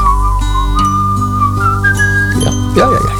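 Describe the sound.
A clear, bright whistled melody glides through a song, stepping between held notes over a steady musical backing, loud and close throughout.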